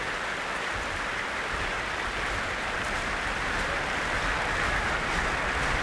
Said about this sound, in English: Well, a vast crowd gathered here in the Royal Albert Hall this Sunday evening, and as you can hear, an encore is being demanded.